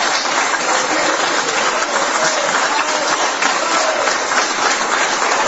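A crowd applauds Laura Fernández after she vows, as president of the Republic, not to let former Frente Amplio deputies go into schools to brainwash children; a dense crackling wash of many hands clapping at an even, sustained loudness throughout, with no clear voices on top.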